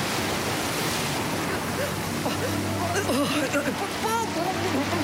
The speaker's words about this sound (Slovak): Búrka a morské vlny ju opäť strhli pod hladinu. Ježibaba musela o dušu plávať, ak si chcela zachrániť aspoň holý život. Morské vlny si ju pohadzovali ako mokrú handru, až kým ju tá najväčšia nevyplavila na pobreží.